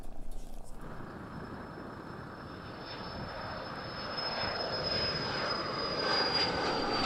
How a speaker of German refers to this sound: Auch sie fliegen mit einer Chartermaschine nach München, wo noch in der Nacht ein Schwerkranker wieder selbstständig atmen wird mit der neuen Lunge.